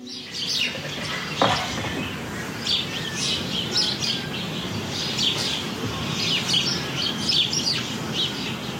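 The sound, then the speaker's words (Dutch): A busy chorus of dozens of sparrows chirping at once in hedges and beech hedges around a house in Indijk, Friesland, overlapping short tweets scattered throughout over a steady outdoor rumble, fairly loud without pause. “hoort tientallen mussen in de heggen en beukenhagen rond haar huis.”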